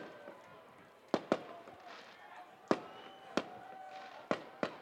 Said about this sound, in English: The fireworks go off in the outfield ahead of the 1-2. Home plate umpire Elena Giorgio calls time to let it pass.